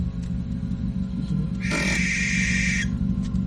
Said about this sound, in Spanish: Bueno, es una lechuza ahí arriba de un poste, ¿no? Ahí se alcanza de ahorita escuchar, mira.